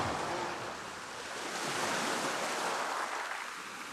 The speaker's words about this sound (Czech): A moře je najednou mírné a tiché.